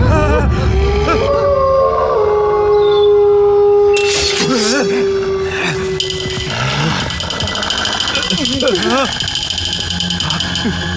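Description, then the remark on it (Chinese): Several wolves howl at once, long drawn-out cries that rise, waver and overlap into a loud chorus over a steady rushing background, lasting the whole stretch. “狼，他们是狼。”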